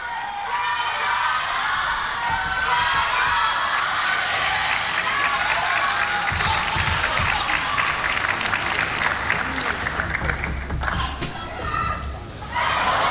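A large crowd of spectators at a table tennis match between Wang Manyu and Hina Hayata shouts and cheers nonstop, a dense, loud wall of overlapping voices with applause-like clatter, a few higher voices standing out, fading slightly near the end.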